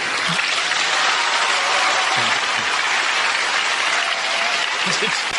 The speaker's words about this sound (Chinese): 你听着掌声。